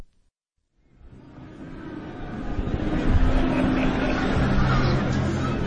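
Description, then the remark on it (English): The Piazza Maggiore in Bologna, early on a Sunday afternoon, fades in from near silence to a steady, dense wash of crowd chatter and traffic noise. Motorbike engines rumble past, many voices mingle, and children squeal as they chase pigeons. “Beyond the sound of the motorbikes, the boisterous conversation, the merry squeals of children chasing the pigeons.”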